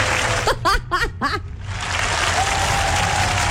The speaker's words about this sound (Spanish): Para quienes adivinaron, aplausos.